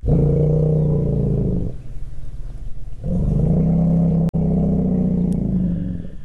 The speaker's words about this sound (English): Low-frequency rumbles emitted by elephants keep them together. According to a team of Kenyan and American researchers, they strengthen social bonds and help the animals coordinate group movement.